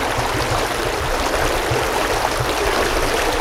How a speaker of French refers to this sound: On y trouve la source d'eau potable Collard et la petite rivière Teplica qui traverse le parc.